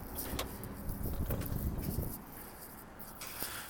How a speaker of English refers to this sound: Oh, wow. I have to leave the roof now. The rain's coming in sideways.